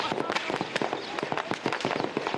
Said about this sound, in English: When darkness fell, the rumbling of the tanks, cracking of heavy gunfire, and sound of low-flying